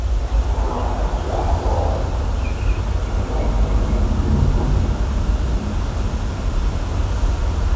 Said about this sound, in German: Ich höre Verkehr.